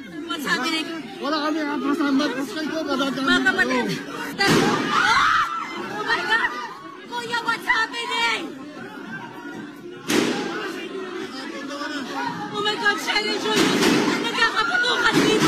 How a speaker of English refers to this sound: There were incredible scenes in the Philippine Senate earlier, which, as we go to air, has been on lockdown after gunshots were heard inside the building. Footage from inside shows crowds of lawmakers and journalists trying to take cover.